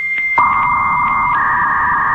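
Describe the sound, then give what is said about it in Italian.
A 56K dial-up modem's handshake: a thin high tone with faint pulses, then a sudden loud, buzzy steady carrier tone joins and holds, with a second high tone shifting slightly near the end. “Oppure al gracchiare del modem 56K”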